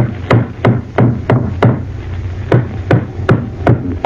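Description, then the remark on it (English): Steady hammering of nails into a floorboard to fix it back in place: about ten sharp, ringing blows in two quick bursts separated by a short pause, loud, with no voices. “All right, I'll put the floorboard back in place now. Hammer these nails in, and that'll be sound again.”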